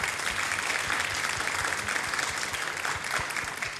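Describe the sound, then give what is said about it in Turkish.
A crowd bursts into sustained applause for the production crew, dense and steady clapping for the whole stretch, fairly loud, with no voices standing out. “Kocaman bir alkış da onlara gelsin mi?”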